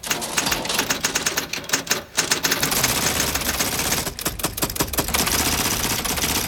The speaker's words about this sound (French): Des centaines de machines à écrire. Oh, il y en a des toutes petites. Et des très grosses, avec des rouleaux. Des sonnettes, des manivelles.